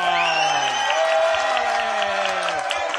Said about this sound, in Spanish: Chis, pon un aplauso.